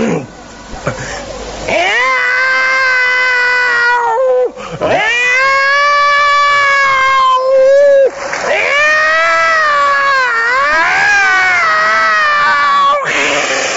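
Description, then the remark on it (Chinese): In a Chinese crosstalk comedy routine, a man's voice imitates a cat caterwauling, drawing out long, wavering yowls in three loud, sustained bursts with brief breaks between them, clear. “妈，我给你学一猫叫。”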